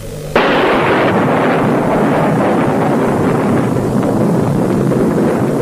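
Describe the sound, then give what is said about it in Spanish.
A sudden, loud roar of wind bursts in and holds steady, with deep rumbling like thunder rolling beneath it, an approaching storm raging, with no voices. “Amenaza tormenta. Será mejor que regresemos.”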